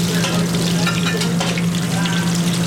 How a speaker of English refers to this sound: To finish up the tacos, the grasshopper filling is wrapped in a tortilla and deep fried.